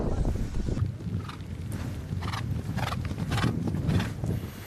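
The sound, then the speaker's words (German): Horses in a 100-kilometre endurance race at the World Nomad Games trot past with a steady, rapid clip-clop of hooves over a dense low rumble of wind and outdoor noise, with occasional bursts of sound breaking through. “Die Wettkämpfe zielen darauf ab, die Ausdauer der Pferde zu fördern und den Reitern die Fähigkeit zu vermitteln, die körperlichen Möglichkeiten ihres Tieres richtig einzuschätzen.”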